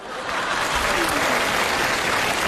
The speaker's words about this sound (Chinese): 你不觉得这个掌声很勉强吗？ 没有啊，人挺认真鼓掌